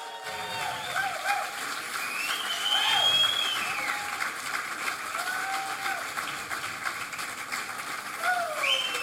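A crowd claps in a dense, steady roar of applause that holds for the whole stretch, with piercing whistles and scattered cheers rising above it.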